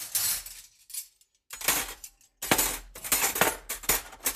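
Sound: dishes clinking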